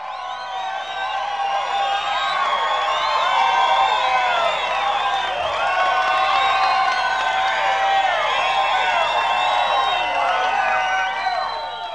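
A large crowd cheers and applauds steadily for about twelve seconds, with rising whoops and shouts over a dense wash of clapping, loud and sustained throughout.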